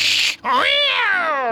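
A frightened cat gives a short, sharp hiss and spit, then breaks into a loud, drawn-out yowl that wavers and trails off. It is alone, with no talking.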